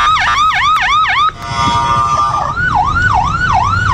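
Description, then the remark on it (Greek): Loud air raid alarm sirens in central Israel wail without pause: quick rising-and-falling yelps, a brief steady tone, then slower up-and-down sweeps over a low rumble of traffic. “Συναγερμός στο κεντρικό Ισραήλ.”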